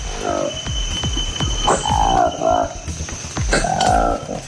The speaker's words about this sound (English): And a new monkey species with striking orange lips has been found in the forests of the Democratic Republic of Congo. The black-furred primate has a sweeping tail, long fur, and a deep roaring call.